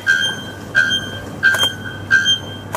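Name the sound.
bare-throated bellbird call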